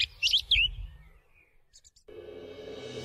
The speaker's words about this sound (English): Manukai Huarākau, The Song Thrush, RNZ National.